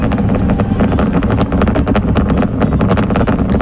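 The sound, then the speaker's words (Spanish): A SpaceX Starship rocket launches on its 13th test flight, roaring steadily for a few seconds, a loud, deep rumble laced with rapid, irregular crackling bursts. No voices are heard. “Eso es entiendo que es el cohete despegando, sí, no es el mechero una cafetera, de no es una cafetera.”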